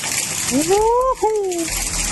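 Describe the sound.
Rushing floodwater roars steadily and loudly throughout, a dense, unbroken wash of noise, flooding a road on the MGC 217 highway between Poté and Malacacheta after a storm. A man's voice cries out over it in a drawn-out, rising and falling exclamation.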